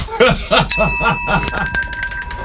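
A small bell is struck twice, each ding leaving a bright, sustained metallic ring that lingers, fairly loud, with some brief vocal sounds just before it.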